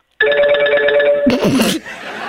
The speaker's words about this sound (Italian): Io ho un telefono che suonava.